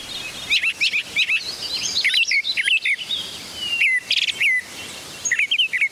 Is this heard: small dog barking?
no